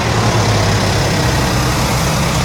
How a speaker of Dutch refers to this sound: We gaan even luisteren naar de motor. Eens even kijken hoe rustig u er hier vandoor gaat.